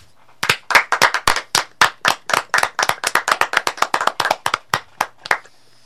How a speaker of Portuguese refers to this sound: pedir a cada um e cada uma, dentro de suas casas, da onde vocês estiverem, uma grande, mas uma grande salva de palmas para tio Pedro, que agora está lá no céu.